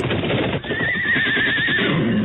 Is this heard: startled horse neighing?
yes